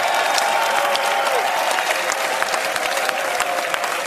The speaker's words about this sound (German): Dann gibt es den größten Applaus jetzt in die Schweiz.